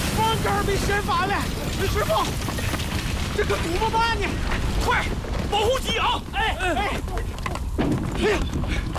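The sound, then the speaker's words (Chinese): Strong wind roars steadily throughout in Korea at the start of winter, just after snow has stopped, a loud, dense rushing noise with no letup, while voices call out over it and are partly swamped by the gusting. “这雪刚停，这又开始刮大风了。”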